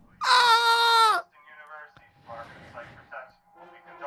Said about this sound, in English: Everyone, be excited. They are conducting a fire alarm test, and I just heard a loud bell.